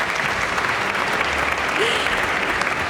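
Steady, dense applause from an orchestra concert audience after a Shostakovich piece, a continuous wash of many hands clapping at an even, fairly loud level for the whole stretch, with no single voice standing out.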